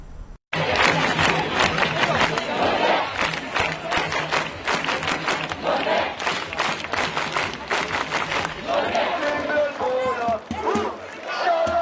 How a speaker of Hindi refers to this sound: Quarter final में England से हार के बावजूद नॉर्वे ने अपनी टीम का स्वागत किसी विश्व विजेता की तरह किया। देखिए टीम वतन लौटी तो लोगों की भीड़ उनके स्वागत के लिए सड़कों पर उतरी हुई नजर आई।